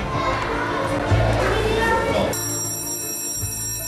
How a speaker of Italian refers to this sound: Quando al mattino suona la campanella nella scuola di Oltre il Colle, la sveglia per buona parte dei bambini è suonata già da ore.